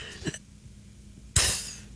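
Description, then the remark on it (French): A voice imitates someone trying to fart quietly on the metro: a faint puff, a pause, then a breathy, hissing burst lasting about half a second that slowly trails off. “Quelqu'un qui essaie de péter pas fort dans le métro.”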